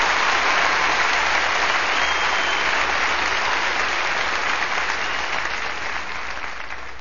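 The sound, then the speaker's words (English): Sustained applause from a large crowd in a Baptist church after singing, a dense, steady wash of many hands clapping at full volume for about seven seconds, tapering slightly near the end with no voices over it. “You know, it's odd to be singing these things and hearing all this applause in a Baptist church.”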